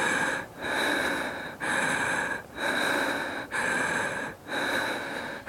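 Loud breathing in steady rhythmic cycles during a guided morning breathing exercise, slow inhaling and exhaling, each breath a rushing, airy whoosh with brief pauses between, about five breaths in a row with no talking.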